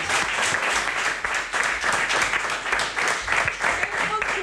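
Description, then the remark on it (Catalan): A crowd applauds steadily for several seconds, dense overlapping claps forming a continuous hiss-like roar at fairly even loudness, with a few voices faintly mixed in. “Un aplaudiment, sisplau.”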